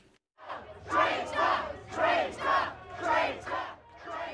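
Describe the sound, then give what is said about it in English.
A large, angry crowd shouts and boos in loud, surging waves, booing and heckling the British Prime Minister visiting the North London area where two Jewish men were stabbed; several rising bursts of jeering voices roll one after another with a low rumble underneath. “Fury overflowing at yet another attack on Britain's Jewish community. The Prime Minister booed and heckled when he visited the area where two Jewish men were stabbed in North London this week.”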